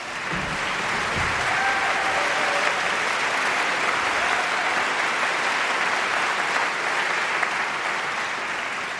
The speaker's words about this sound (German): Applaus für den geilsten Chor der Welt. Und Applaus für die Luxus-Schiffskapelle mit ihrem dürren Genten.